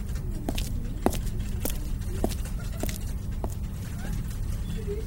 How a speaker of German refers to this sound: Schnellen Schrittes ging ich in mein Büro, direkt zum freien Untersuchungstisch 3, wo ich sogleich alle gesammelten Objekte ausbreitete.